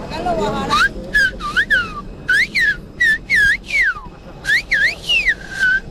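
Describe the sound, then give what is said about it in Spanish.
A man's loud whistle carries a message in Silbo Gomero, the Canary Island whistled language, with sharp rising and falling glides in quick bursts separated by short pauses. “A ver, díganos algo en silbo. Vamos a ver, el silbo canario, lo que usted quiere, ¿qué puedo decir?”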